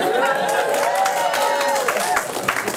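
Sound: audience cheering and clapping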